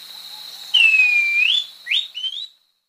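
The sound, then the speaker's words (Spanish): A thrush-like schiffornis (saltarín turdino) sings clear, whistled notes: one long sustained whistle rising at the end, then two short upslurred whistles, distinct against a faint steady tone; from the Colombian Bird Sound Bank compiled by the Humboldt Institute and Cornell University. “El trino del saltarín turdino forma parte del Banco de Sonidos de Aves Colombianas, recopilado por el Instituto von Humboldt y la Universidad de Cornell.”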